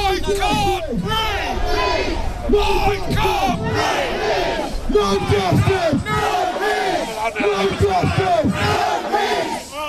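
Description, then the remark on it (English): A protest crowd outside Southampton's Central Police Station chants loudly in unison, many voices shouting a short slogan in steady repeated bursts, roughly one every second, over a continuous roar of crowd noise. “Protesters gathered outside Southampton's Central Police Station earlier.”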